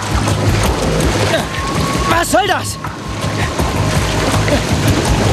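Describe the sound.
Steady, dense churning of water around a man who fell from a boat dock, the water made almost to boil, with continuous splashing and bubbling, loud throughout; a person briefly speaks over it partway through.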